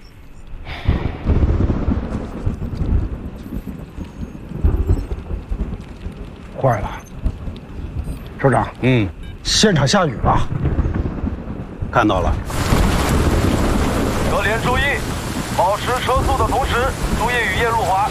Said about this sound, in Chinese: 坏了，首长。现场下雨了。看到了。各连注意，保持车速的同时，注意雨夜路滑，小心驾驶。